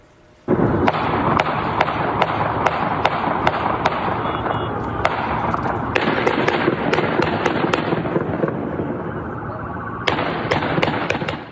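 A rapid, sustained flurry of sharp gunshots from a long gun near Harvard University, many cracks in quick irregular succession over a loud, noisy background, continuing for around ten seconds.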